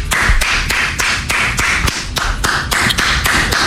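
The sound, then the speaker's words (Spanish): One person claps steadily, about three sharp, bright claps per second at an even rhythm, loud and continuous for several seconds with no voices. “si vas a aplaudir cada que te equivoques, esas manos las vas a quedar con sangre.”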